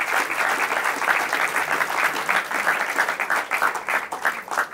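Sustained audience applause for the two finalists of a quiz, a dense steady wash of many hands clapping at once, moderately loud and continuous throughout with slight swells, no voices standing out.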